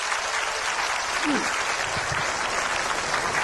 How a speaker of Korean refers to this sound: 근데 여러분 이분들은 이렇게 무대 위에서 박수도 받고 빛도 났는데 사실은 보이지 않는 곳에서 수고하는 손길들, 우리 방송팀들, 미디어팀들, 우리 보이지 않는 곳에서 수고하는 손길들 위해서 박수.